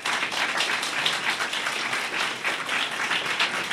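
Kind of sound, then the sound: crowd, audience applause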